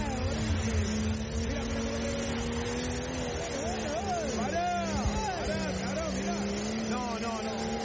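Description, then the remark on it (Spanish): A diesel turbo vehicle accelerates over a short run of about 50 metres, throwing out a lot of smoke, its heavy engine droning steadily with a rising, straining pitch midway through, while a voice speaks briefly over the rumble. “Ahí está acelerando, mira. Escucha.”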